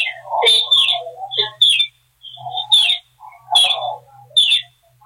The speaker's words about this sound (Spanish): Oiga, el pollito, qué bonito se oye.